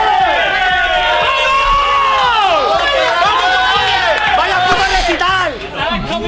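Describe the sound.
Players whoop, shout and cheer in celebration in the locker room after a match, many voices overlapping loudly and continuously, with rising and falling yells throughout.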